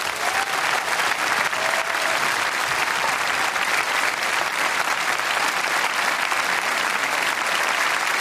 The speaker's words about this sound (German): Ein Riesenapplaus bitte nochmal für die jetzt, weil es tatsächlich, ich habe es gerade schon angedeutet, das erste gemeinsame Konzert ist. Ein Riesen-Extra-Applaus.